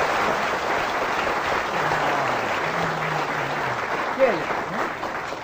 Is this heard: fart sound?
no